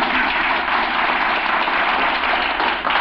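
An audience applauds steadily for about three seconds during a conversation with Groucho Marx, a dense, even wash of clapping with a slightly muffled, old-recording quality and no voices over it.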